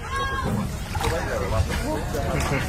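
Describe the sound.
A motorboat carrying freedivers runs steadily across the open sea about 10 kilometres out from the shore of Limassol, Cyprus, its constant engine rumble mixed with rushing wash and splashes against the hull, with muffled voices faintly underneath.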